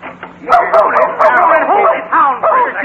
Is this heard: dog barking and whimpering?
yes